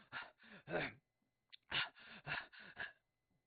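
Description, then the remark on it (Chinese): A voice acts out heavy panting: about eight loud, ragged breaths in two quick bursts separated by a short pause, each breath rasping and partly voiced, portraying the warrior Qin Qiong gasping for breath and sweating after fighting. “秦琼啊，喘息不已呀、啊！”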